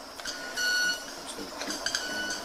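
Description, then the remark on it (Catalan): A small bird gives repeated thin, high-pitched calls that sound like an electronic beep, short tonal notes with a few steady longer ones, over a soft constant background hiss. “Quasi, no, és l'ocellet que va fent les seves... Sembla un timbre d'alguna cosa d'aquestes...”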